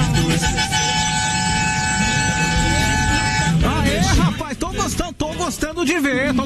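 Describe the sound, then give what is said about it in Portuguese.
A loud, steady horn blares continuously for a few seconds over a busy background, then cuts off as a man starts talking. “Tá quase acabando o buzinaço, vai que dá bora, tempo.”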